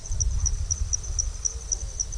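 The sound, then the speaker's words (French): Night insects chirp in the southern Sahel during the rainy season in a steady, high-pitched pulse, roughly four beats per second, above a low, continuous rumble. No one speaks. “Et maintenant la nuit, on entend surtout des insectes.”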